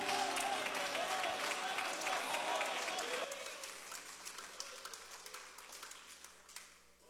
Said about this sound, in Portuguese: mas vamos fazê-lo com um aplauso bem forte para Jesus.